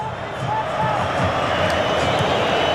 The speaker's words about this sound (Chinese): 这个时候我们看每一次大脚的解围都会赢得球迷的这种掌声和呐喊啊！ 这是阿根廷球迷的呐喊， 对对，一定是阿根廷球迷，